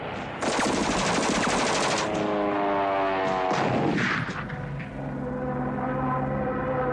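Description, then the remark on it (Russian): A loud burst of rapid machine-gun fire rattles for a couple of seconds, passing half a metre from a soldier's shoulder at a trench, followed by more scattered shots over the steady drone of an aircraft engine. “Пулеметная очередь проходит в полуметре от плеча Лопахина.”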